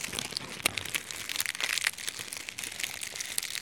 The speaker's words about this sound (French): Enregistrement de feuilles d'arbres mortes.